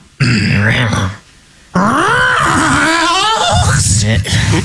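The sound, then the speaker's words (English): A person imitates an elk call with their voice: a low, rough growl, a brief pause, then a loud wavering bugle that rises and falls in pitch before sinking back into a gravelly growl. “I have to combine a growl with my elk's it's call.”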